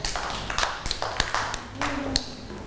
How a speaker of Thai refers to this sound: เด็กๆปรบมือให้น้อง